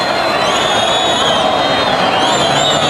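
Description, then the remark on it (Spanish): A bullring crowd shouts and clamors for a second ear for bullfighter David de Miranda, with more shouts than handkerchiefs, in a steady, dense roar for about three seconds. A couple of thin, high whistles slide above the din. “Y ahí sigue, hay parte del público que va pidiendo la segunda, pero ya con menos afán. Con más gritos que pañuelos.”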